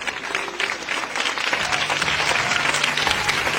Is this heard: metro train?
no